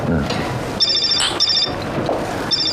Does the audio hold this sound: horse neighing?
no